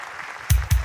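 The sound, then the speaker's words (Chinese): Two sharp, loud clap-like bursts land in quick succession, each with a heavy low thump, over a faint steady hiss. “感谢大家掌声，谢谢，护花使者。”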